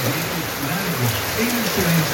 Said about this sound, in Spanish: Ya, oye, ahí nos mandan el video, está lloviendo bastante fuerte allá en Cauquenes.